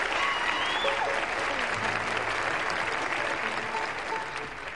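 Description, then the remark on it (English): Steady, dense applause from an audience for Uncle Josh, a broad wash of many hands clapping at once, loud and continuous for several seconds before easing off slightly at the end. “How about a nice hand for Josh?”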